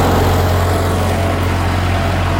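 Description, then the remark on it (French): The engine of a red 1980s self-propelled hay mower, cutting hay on a field in Lorainville, runs loudly and steadily, a constant low mechanical drone with a deep throbbing hum and broad rattling noise throughout, with no voices. “À bord de sa faucheuse rouge automotrice des années 1980, il fait signe d'embarquer.”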